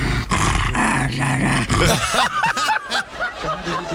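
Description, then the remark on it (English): A dog growls and groans in a drawn-out, pitch-bending way as its owner moves its throat and jaw a little, its modulated vocal sounds rising and falling like an attempt at saying a name, fairly loud. “Well, it's in his throat, you know, he growls the notes and that, and as you can say, I move his throat, you know, his jaw a little bit, and he pronounces words in his throat.”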